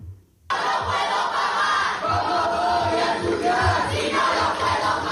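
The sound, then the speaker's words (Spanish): A loud crowd of students in the Paraninfo erupts in sustained booing and jeering, interrupting university minister Jorge Paradela at the official start-of-year ceremony of Pablo de Olavide University in Seville; a dense wall of many voices with rhythmic low thumps, continuing steadily after a brief quiet start. “Y el acto oficial del inicio de curso de la Universidad de Sevilla, Pablo de Olavide, ha sido suspendido cuando el consejero de universidad, Jorge Paradela, fue interrumpido por abucheos de estudiantes desde el Paraninfo.”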